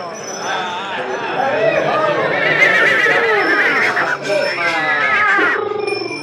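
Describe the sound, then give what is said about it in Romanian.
A tall, thin black horse with an arched neck neighs and whinnies in long, wavering calls over a steady hum of crowd chatter at a horse fair in Döbrück, loud, filling the scene like a busy fairground. “Cei mai mulți oameni s-au strâns în jurul unui cal, înalt, subțire, negru, cu gâtul arcuit.”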